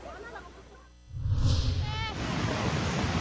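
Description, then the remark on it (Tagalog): Loud, churning rush of fast-moving floodwater from an overflowing river in Maasim, Sarangani, Philippines, during bad weather, that surges in after a quieter moment and keeps roaring steadily, with a broad turbulent hiss. “Malakas na ragasari ng baha ang pinangambahan ng mga residente matapos umapaw ang tubig sa ilog sa maasim Sarangani.”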